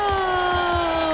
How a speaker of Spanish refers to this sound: Mejor. Siempre me pongo esta ovación para venirme arriba y siempre empezar. Bueno, recibir una ovación, aunque sea falsa.